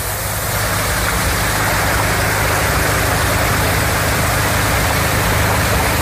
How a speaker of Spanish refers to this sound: Y esta tarde, del sonido de la lluvia de ayer a esta mañana, el sonido de las bombas intentando achicar agua de garajes y naves industriales.